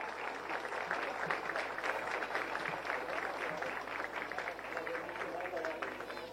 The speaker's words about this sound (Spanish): testimonio de reconocimiento y gratitud por las gestiones a la primera dama de la nación, la señora Leticia Ocampos. De esta forma, con un fuerte aplauso, señoras y señores.